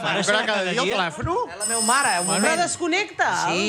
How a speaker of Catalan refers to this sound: Hòstia, quin telèfon, la meva mare.